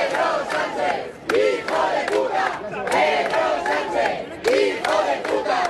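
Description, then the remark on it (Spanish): A protest crowd at a rally at Cibeles in Madrid, Spain, called by the Madrid city council over the Ceuta migration crisis, chants "invasores, expulsión" in unison during mayor Almeida's speech, many voices shouting loud rhythmic phrases with sharp bursts repeating every second or so, a steady roar of the crowd underneath. “Y a pesar también de gritos como este "invasores, expulsión", que corearon los asistentes en varios momentos aquí durante la intervención del alcalde Almeida.”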